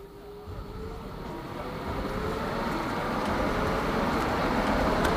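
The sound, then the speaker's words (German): A tram rumbles past, its low, steady mechanical drone swelling gradually louder over a few seconds with faint metallic squeals and hiss on top, no voices. “Ah ja, guck mal, hier kommt jetzt gerade die Straßenbahn.”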